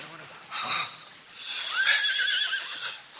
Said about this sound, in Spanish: Y ata bien esos caballos.